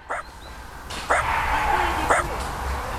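Three sharp dog barks spaced about a second apart ring out over a steady outdoor background hum, with no voices, in Nuselský park Jezerka in Prague 4, a park of about 3.5 hectares used mainly by dog owners.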